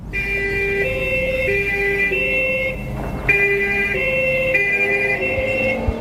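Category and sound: vehicle, police siren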